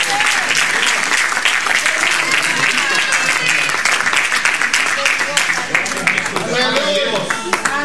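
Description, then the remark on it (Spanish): An audience bursts into loud, sustained applause to God, dense overlapping claps lasting several seconds, with scattered voices and cheers mixed in near the end. “Le damos un aplauso más fuerte a Dios del cielo que ya no sea hoy.”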